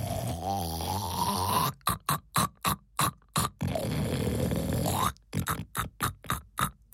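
Exaggerated, cartoonish snoring of a hen dozing while sitting on her eggs: long rasping inhales, each followed by a run of quick, choppy puffs and snorts, repeated twice and fairly loud with no talking.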